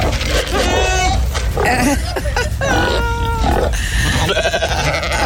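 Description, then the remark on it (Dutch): Several goats in a goat shed bleat loudly, their wavering cries overlapping one after another with little pause, over a dense background of farmyard noise. “Ja, dat altijd tijdens mijn pauze ga ik geitjes knuffelen.”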